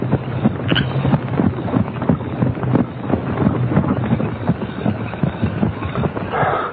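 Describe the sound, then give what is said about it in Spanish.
Steady clip-clop of horse hooves, a continuous run of even beats over a rough, windy background noise, with no voices. “Aquí dejo el caballo.”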